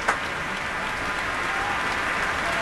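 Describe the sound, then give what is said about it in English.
A concert hall audience applauds steadily as soloist and conductor Yuja Wang takes the stage, a dense, sustained wash of clapping that stays at an even, fairly loud level throughout, with no voices heard over it. “And now you hear the crowd sing.”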